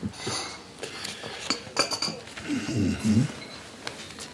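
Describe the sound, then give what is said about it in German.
Coffeehouse ambience on the night of 30 to 31 December 1900, with repeated light clinks of cutlery against dishes and a few sharper chinks, over a low murmur of indistinct voices in the background. “Vom 30. auf den 31. Dezember 1900 im Kaffeehaus.”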